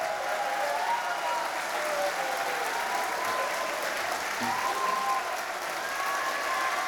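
A large audience at a performance applauds steadily for the full stretch, a dense, loud wash of clapping with some faint whistles or cheers rising above it and no pause.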